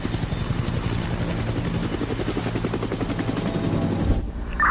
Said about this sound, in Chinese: 空中分队距离理论瞄准点40公里，直升机状态良好。